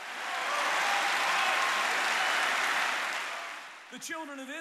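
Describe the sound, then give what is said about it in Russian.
A crowd claps hands in a sustained, dense burst of applause lasting several seconds, fading as a voice begins speaking loudly over the end. “Хлопайте в ладоши, верьте в Бога.”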